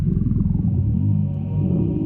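A low, rumbling growl of a stomach, that of the evil ruler Horrifying Incinerator in her tower, rolls on steadily for about two seconds, deep and fairly loud, with a gurgling, wavering texture and no voices.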